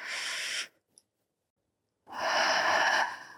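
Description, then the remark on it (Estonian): A long, airy breath fades out, then after a second of near silence a slow, deep inhalation swells in, steady, as slow-motion calming breathing with five-second phases, with no talking. “See on väga pikk aeg, ühesõnaga see on täiesti aegluubis hingamine.”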